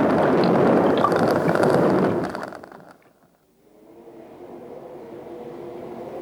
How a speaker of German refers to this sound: Oh, das ist der große Vulkan über der Felsengrotte von Labyrinthodontia. Der gießt jetzt seine Lava in ihren Zaubersee und verleiht ihr neue Kräfte.